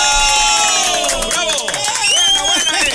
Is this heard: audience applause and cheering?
yes